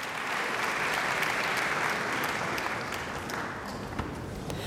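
Sustained applause from a large audience in the Saarbrücken Kongresshalle concert hall after a Bach largo movement, a dense, steady wash of many hands clapping at once, fairly loud and even throughout with no voices.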